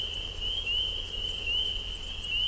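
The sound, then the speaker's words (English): A dense chorus of frogs before dawn, picked up by a feeder cam at the Cornell Laboratory in Ithaca, New York, sustains one unbroken, high, slightly wavering trill, with faint scattered chirps above it and a low steady rumble underneath. No one speaks. “This is Frogs in the Pre-Dawn from a feeder cam at the Cornell Laboratory for Mythology in Ithaca.”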